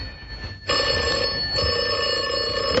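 An old-fashioned telephone bell rings steadily and loudly, a continuous metallic trill starting abruptly after a brief quiet moment and continuing to the end.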